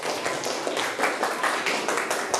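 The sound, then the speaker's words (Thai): A group in a classroom claps together for the first group of students, with dense overlapping hand claps forming steady applause that stays fairly loud and even throughout, with no voices. “ถ้าพร้อมแล้วขอเสียงปรบมือให้กลุ่มที่1ก่อนเลย”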